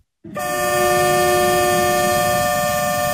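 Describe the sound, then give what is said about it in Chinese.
After a moment of silence, a train's horn sounds loudly and holds steady over a low, rumbling roar of rolling wheels as a Zhejiang China-Europe freight train loaded with daily goods, auto parts and machinery slowly pulls out of Yiwu West railway station, bound for Russia via Manzhouli. “在义乌铁路西站，一列满载日用百货、汽车配件、机械设备等货物的浙江中欧班列一星欧缓缓驶出，经满洲里口岸出境，驶向俄罗斯。”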